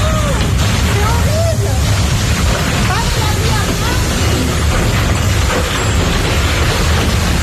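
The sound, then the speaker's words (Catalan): A tornado near Carcassonne in southern France roars with a loud, unbroken rumble, a dense wall of wind noise heavy in the low end that never lets up, with faint voices barely audible beneath it. “Això que sentiu és un tornado.”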